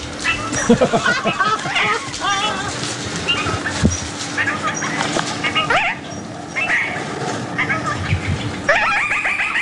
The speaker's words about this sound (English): The Antipodes Island Parakeet.